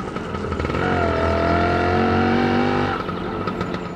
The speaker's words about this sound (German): Wir fahren mit der Ape in einen höher gelegenen Stadtteil zur Kirche. Bei dem Anstieg kommt auch die Ape ordentlich ins Schwitzen.